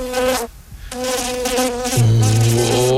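buzzing flies and mosquitoes

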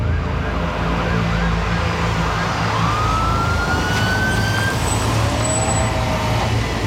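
ambulance sirens

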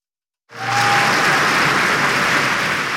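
stadium crowd applause

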